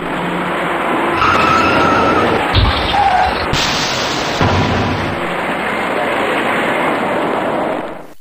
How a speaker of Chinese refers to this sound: 由于前方有些不太好走，行驶在辅路里面的车辆纷纷减速刹车。可驾车从后面开上来的这位白色小客司机并没有注意到前车的行驶变化，由于采取措施不及，白色小客撞到了前方一辆银色小客的尾部。